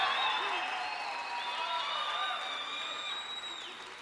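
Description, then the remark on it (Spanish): A church audience erupts in a shout of victory, steady applause mixed with loud shouts and high cheering cries, a dense, continuous roar that holds for several seconds before easing slightly at the end. “Alguien va a tener que dar un grito de victoria aquí.”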